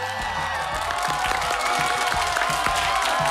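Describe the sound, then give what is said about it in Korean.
A studio audience claps and cheers steadily, a dense wash of many hands with crowd noise and a few whoops mixed in, loud and continuous throughout. “자, 갑자기 방청객들이 박수를 치기 시작하죠.”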